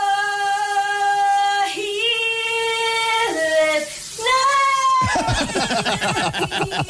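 A voice sings long, sustained notes that slide up and down in pitch, then gives way to a loud rush of running shower water that fills the last couple of seconds.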